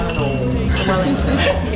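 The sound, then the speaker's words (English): Glasses clink together in a toast, a few bright ringing taps, with people's voices murmuring underneath throughout. “Cheers. Cheers.”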